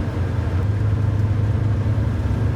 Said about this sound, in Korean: 버스는 시골길을 한참을 달렸다.